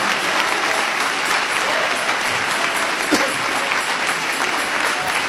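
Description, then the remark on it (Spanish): A church audience claps in praise of the Lord Jesus Christ, steadily and loudly for several seconds, a dense, continuous wash of applause with no pauses and no voices rising above it. “Dale ese aplauso de alabanza al Señor Jesucristo.”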